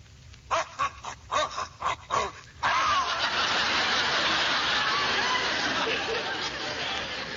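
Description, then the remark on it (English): A quick run of about six sharp dog barks in close succession, then a loud, steady engine-like rumble starts up and continues to the end. “Well, hold on, dogs.”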